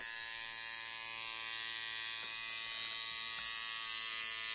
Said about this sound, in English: It was, in fact, a tattoo gun. So well done to everybody who did get that one right.